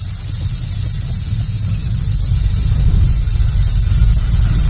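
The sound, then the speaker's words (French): A rattlesnake shakes its tail, its rattle of interlocking modified keratinized scales knocking together in a continuous buzz, a dry, steady, high-pitched hiss that holds at constant loudness for several seconds, with a low background rumble and no voices. “Pour être plus simple, ce sont des écailles modifiées emboîtées les unes dans les autres qui produisent un son de sonnette quand elles s'entrechoquent lorsque le serpent agite sa queue.”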